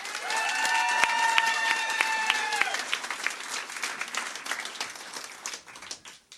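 An audience at a poetry slam applauds the last performer of the preliminary round with dense, steady clapping, loud at first under a brief high sustained tone, then thinning into scattered claps over about six seconds.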